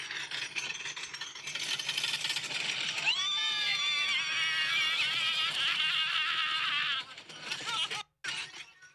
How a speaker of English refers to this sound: I think I've got the ride, the Six Flags ride that we were on. Let's see if I could get the audio here.